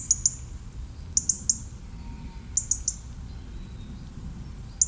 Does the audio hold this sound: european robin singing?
yes